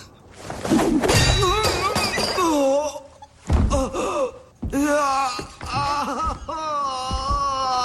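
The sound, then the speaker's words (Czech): Wrenches thrown from a bag of tools in a dodging game land with a few heavy, irregular thuds, each met by sharp gasps and drawn-out pained groans. “Když se vyhnete klíči, vyhnete se míči.”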